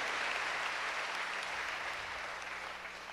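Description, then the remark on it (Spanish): Steady applause from an audience, a dense wash of many hands clapping at a constant level for a few seconds, easing slightly toward the end, with no voices over it. “Ellos también merecen hoy nuestro aplauso porque han escuchado la palabra de Dios y la han puesto en práctica.”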